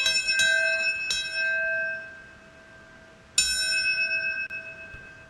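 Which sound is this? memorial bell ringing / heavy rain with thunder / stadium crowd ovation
memorial bell ringing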